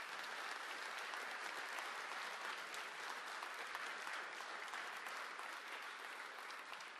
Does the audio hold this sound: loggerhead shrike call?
no